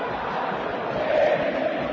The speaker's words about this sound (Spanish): En las malas también se grita en el Estadio Monumental.